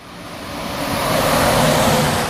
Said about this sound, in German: LKW an LKW rauscht vorbei. Die Bundesstraße 400 teilt das Dorf Ulfen in zwei Teile. Eine Ampel oder Zebrastreifen gibt es hier nicht.